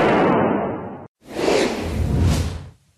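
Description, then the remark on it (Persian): Two loud bursts of gunfire fired inside a TV studio of the Islamic Republic of Iran's state broadcaster, each a harsh, noisy blast lasting about a second, separated by a short moment of silence before fading out. No voices are heard. “آموزش با سلاح به مردم، بعد شلیک به پرچم امارات و سقف استودیو.”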